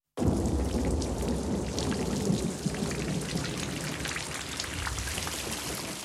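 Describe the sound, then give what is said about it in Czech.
Steady, heavy rain pours down outside with a dense patter of drops, backed by a continuous low rumble of thunder in a storm with lightning. An enveloping storm with no voices. “Venku blýskalo a hřmělo.”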